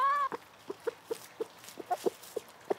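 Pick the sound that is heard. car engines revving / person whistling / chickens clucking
chickens clucking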